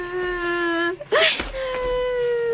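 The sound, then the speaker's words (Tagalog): A child wails in long, drawn-out cries, broken midway by a sharp, shaky sob before the steady whimpering wail resumes, fairly loud. “Bakit ka umiiyak dyan?”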